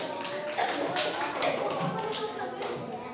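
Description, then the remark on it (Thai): A group of pupils in an English lesson clap for themselves after getting all six answers right, a steady, scattered patter of overlapping claps lasting a few seconds, with some voices murmuring underneath. “โอเคมีใครถูกทั้ง6ข้อยกมือเก่งมากปรบมือตัวเองหน่อย”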